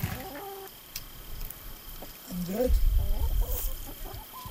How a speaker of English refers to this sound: And we got lots of chickens too.